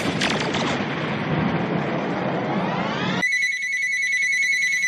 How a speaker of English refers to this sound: Lord have mercy, that fat phone is ringing again.